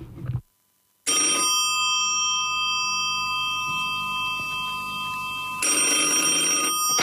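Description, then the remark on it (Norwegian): An old-fashioned telephone bell rings loudly and continuously, a metallic jangling with a brief pause near the start and a fresh burst of ringing toward the end. No one speaks. “Ikke mas av deg, jeg som ringer her.”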